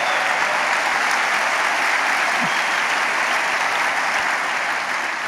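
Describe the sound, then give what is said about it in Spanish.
An audience applauds Jesus steadily, a dense, even wash of clapping hands that stays loud and unbroken for several seconds with no voices rising above it. “Dale un aplauso a Jesús.”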